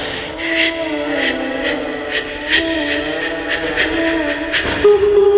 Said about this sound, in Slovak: Tobor si sadá na vlak. Už sa krútia kolesa.